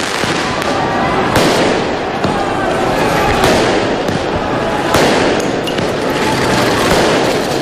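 Fireworks and firecrackers are launched repeatedly in the streets of Paris by people celebrating their team's second consecutive win, sharp loud blasts erupting every second or so over a constant roar of crowd noise and echoing city ambience.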